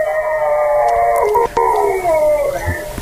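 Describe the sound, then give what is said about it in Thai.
Several dogs howl together in overlapping, drawn-out wails that rise and fall in pitch, sustained and fairly loud throughout with no one talking, recorded by a camera installed at a house. “ได้ยินไหมแล้วหมาหอนกันสนั่นหวั่นไหวคุณผู้ฟังฮะไม่ใช่หอนกันตัวเดียวนะฮะนะดูสิมันหอนแต่เข้าใจว่าหมาเนี่ยปกติแล้วเวลามันหอนมันต้องรับกันทอดเนาะ”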